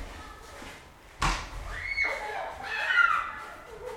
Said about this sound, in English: They're getting all this snow off the top of the cars, like bigger and bigger snowballs, and throwing them hurtling through the air at one another's heads. Should I have them? Maybe you can hear them. Yeah, let's listen to the snowball fight.